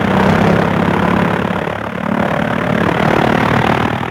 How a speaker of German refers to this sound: Der Motor rattert, knattert, hupt. Jetzt steigt das Flugzeug in die Luft. Bald ist es 1000 Meter hoch, kaum sieht man da die Erde noch.